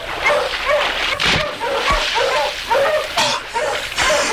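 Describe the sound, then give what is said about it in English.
Several sled dogs yip, whine and bark in a busy, overlapping chorus while swimming through water with chunks of ice, fairly loud, with splashy noise bursts scattered through. “Stop your barking and swim!”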